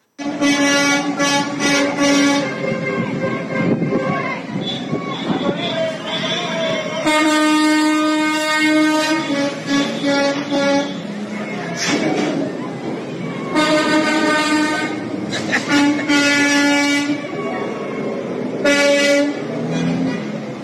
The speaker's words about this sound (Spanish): Bueno, pues así se vivía el momento de que, como escuchabas, pues ahí los traileros sonándole el claxon a los maestros de la coordinadora.